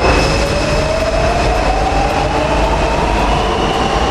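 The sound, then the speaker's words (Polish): A Warsaw metro train rumbles steadily along underground, a loud continuous roar with a rising whine from the motors and faint high-pitched tones riding over the noise, no voices. “A dzisiaj jesteśmy w metrze?”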